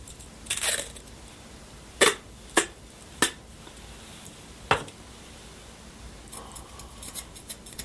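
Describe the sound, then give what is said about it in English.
Scissors snip through a piece of tape: a short crinkly rustle, then four crisp, separate snips spaced unevenly, followed by a run of faint ticks and small clicks. No one speaks. “Not a pretty cut.”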